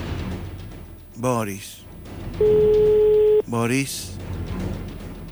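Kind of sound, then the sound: signal or alarm, telephone line ringing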